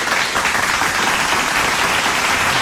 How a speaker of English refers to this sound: No, that's not hail on a tin roof. That's applause for you.